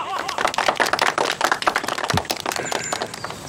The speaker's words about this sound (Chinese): 下面我们用热烈的掌声，欢迎田中秀光先生，讲讲他的心得。